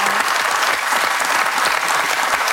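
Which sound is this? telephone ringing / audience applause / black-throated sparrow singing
audience applause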